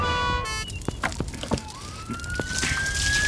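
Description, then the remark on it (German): A fire engine siren wails loudly, opening with a blaring horn-like tone and then a long rising whoop, amid clattering bursts of street noise as the firefighters' engine in Fireman Sam passes James and Sarah on its way to a fire. “Die Feuerwehrleute kommen an James und Sarah vorbei, die immer noch auf Dustys Fersen sind.”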